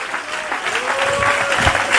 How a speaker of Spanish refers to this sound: Dele fuerte aplauso.